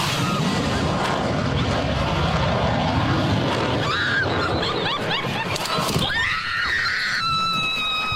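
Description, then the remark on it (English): A gigantic low aircraft roars overhead with a dense, rushing engine noise, blowing everything over 4 to 6 seconds after it passes. Someone laughs, then a crowd erupts into loud, piercing screams that rise and overlap, ending in sustained high-pitched shrieks. “how gigantor it was, and also it took about like 4 to 6 seconds after it flew by for the after effects and everything getting blown over.”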